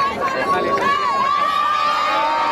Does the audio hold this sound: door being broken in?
no